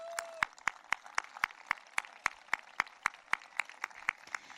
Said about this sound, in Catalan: I li agraïm moltíssim tota la feina que durant tants anys va fer en Josep Vilalta. Jo fins i tot faria un aplaudiment per ell.